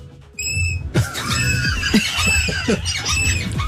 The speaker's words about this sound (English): Can I ask what's going on over there? We're swapping seats because mine's squeaking.